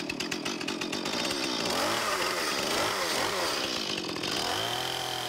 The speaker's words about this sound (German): Lorenz hat Erfahrung im Umgang mit der Kettensäge.